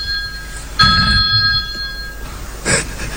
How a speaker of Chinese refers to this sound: 我先接个电话啊。